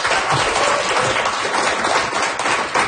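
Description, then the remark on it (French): Sustained audience applause for two guests on a radio show: a dense, steady wash of many hands clapping at once, loud and even throughout with no voices standing out. “Je pense qu'on les applaudit très fort.”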